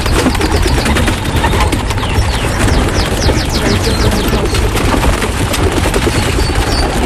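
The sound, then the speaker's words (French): A flock of a pigeon-fancying organic farmer's pigeons in the Yvelines takes off together in the morning, wings flapping in a loud, dense clatter that continues without pause, with faint bird chirps mixed in and no voices. “Les pigeons qui volent entre deux, plus variables.”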